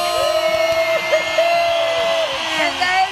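A crowd claps and cheers loudly and steadily to welcome a biology academic and researcher from the Universidad Veracruzana, with whoops and a sustained whistle-like cry rising above the dense wash of applause throughout.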